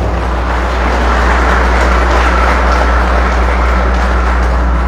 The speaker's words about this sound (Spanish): Felicidades, agradecemos también a ellos un fuerte aplauso.